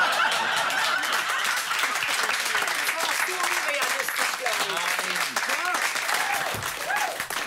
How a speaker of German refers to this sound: Wir warten nur ab, bis der Applaus sich gelegt hat.